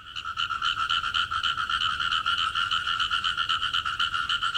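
A dense chorus of frogs croaking continuously, with fast, pulsing trills layered together at a steady loud level, no voices present.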